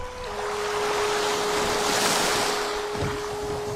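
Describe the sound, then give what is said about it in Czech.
A man rows a boat through rough ocean water at night, with a constant rush of waves and wind filling the scene, a faint low splash near the end and a steady hum underneath. “Noc se řítila zběsilým cvalem a já vesloval ke svobodě.”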